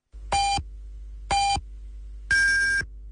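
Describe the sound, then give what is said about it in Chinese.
Three electronic beeps at one-second intervals, a radio time signal marking 8:30 Beijing time: two short identical pips, then a longer, higher final tone, loud and clear over a faint steady hum, with no voices. “北京时间8:30。”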